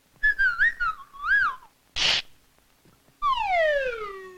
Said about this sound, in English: What's a bird doing in my house? Goodness gracious me.